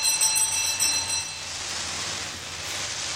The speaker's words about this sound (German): Hast du geklingelt? Ja, ich habe hier an diesem komischen Ding gezogen.